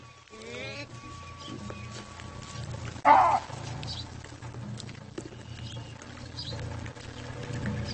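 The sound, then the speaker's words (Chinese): A baboon lets out one sudden, loud, harsh roar lasting under half a second, interrupting the troop leader's lunch and not sounding like one of its own troop, cutting through a steady low background rumble before it settles back down. “首领的午餐被一阵咆哮声打断，听声音不像自家兄弟。”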